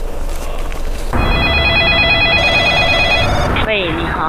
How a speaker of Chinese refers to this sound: 情急之下，一个电话拨通了12345热线。